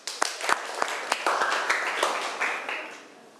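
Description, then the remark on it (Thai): A group of students applauds their classmates, starting with a few sharp separate claps that quickly merge into a dense, steady round of clapping before trailing off. No one speaks. “คุณครูก็ต้องขอขอบคุณตัวแทนนักเรียนทุกๆคนนะคะคุณครูอยากให้นักเรียนต้นทางและนักเรียนปลายทางปรบมือให้กับเพื่อนด้วยค่ะ”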